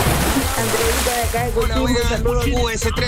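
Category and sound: sound effect, water splash sound effect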